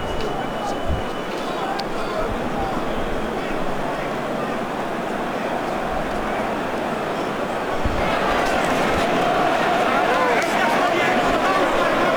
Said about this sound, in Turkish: Taraftar tezahüratlarla canlandırmaya çalışıyor her iki boksörü de.